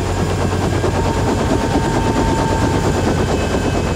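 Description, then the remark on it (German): A helicopter roars as it comes in to land on a field right next to the headquarters, its rotor blades thumping in a rapid, steady chop over a loud, constant engine drone. No one speaks. “Der Hubschrauber landete auf einem Feld direkt neben dem Hauptquartier.”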